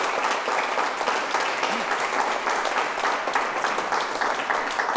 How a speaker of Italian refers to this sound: E facciamo un applauso